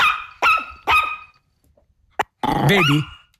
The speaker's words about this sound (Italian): È lui. Quel cagnolino. Questo è lui, sentite?